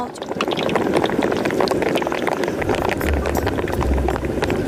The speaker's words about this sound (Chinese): 油烧热，肉块下锅，高温下油脂燃烧的声音好像是交响曲一般。当锅里的乒乓声慢慢减弱，说明五花肉已经换好了虎皮装。